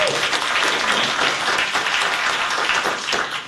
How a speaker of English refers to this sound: So, a round of applause